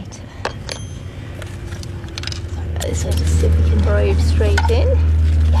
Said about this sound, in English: This will make a hole. So just putting a skewer in there.